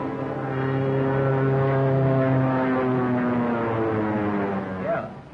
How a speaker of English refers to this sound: Plane, two-seater, eh?